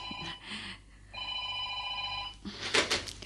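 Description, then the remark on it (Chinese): A telephone rings with a steady electronic trill, sounding in sustained bursts at moderate loudness, with no talking over it; the call is from the Jincheng (金城) construction company. “听电话啊。”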